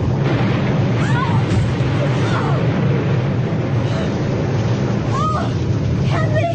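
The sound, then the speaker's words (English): Heavy seawater waves surge and roar across a lurching boat's deck in a steady, dense rush, with wind mixed in and faint muffled voices or creaks occasionally cutting through. “He went over with that first wave.”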